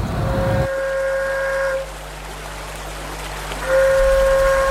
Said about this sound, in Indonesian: Sehingga kalau tidak ada penanda, itu mereka nggak tahu. Maka kemudian seruling paret ini ditiupkan untuk menarik minat atau pelanggan untuk membeli bawa barang bawaan mereka.